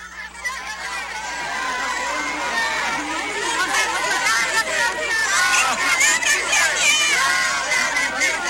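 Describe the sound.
A dense, agitated crowd of dissident teachers in San Quintín, Baja California, shouting and jostling at the arrival of President Claudia Sheinbaum, demanding repeal of the 2007 ISSSTE law; overlapping shouts and raised voices, loud and continuous, with many people clamoring at once.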